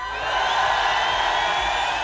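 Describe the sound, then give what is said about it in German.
A crowd in Epfenbach cheers and whoops loudly and steadily, a dense wash of many voices filling the whole moment without pause. “Und in diesen Jubel kommt unsere Zahl.”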